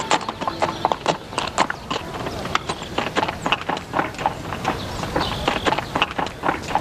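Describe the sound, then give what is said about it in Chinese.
Donkey hooves clip-clop in a steady, brisk rhythm, dozens of sharp knocks continuing throughout over a low background rumble; the donkey from a wedding procession. “哎，这不是迎亲那驴吗？”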